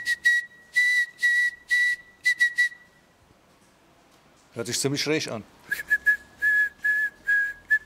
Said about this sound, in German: Ach so, das Morsezeichen SOS. Weißt du, was das bedeutet, das SOS? Die drei Buchstaben?